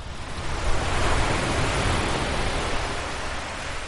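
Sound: ocean waves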